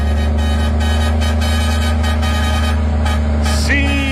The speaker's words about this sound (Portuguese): Cargueiro velho, escapamento aberto, diretaço. Rasgando fronteira, bom dia.